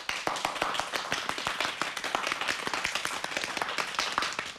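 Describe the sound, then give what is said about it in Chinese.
A crowd applauds the Dachen Island sailboard team, China, with many hands clapping in a dense, continuous patter that stays even and fairly loud throughout, with no voices rising above it. “鼓掌。”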